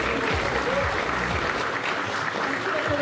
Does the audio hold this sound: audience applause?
yes